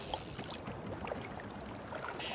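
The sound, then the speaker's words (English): A small boat pushing off from a dock as someone steps onto it to go fishing: a steady wash of watery splashing and scraping with a few brief knocks, moderately loud throughout and with no voices. “Stepping onto the boat, pushing off from the dock, tying on the perfect bait, and casting a line.”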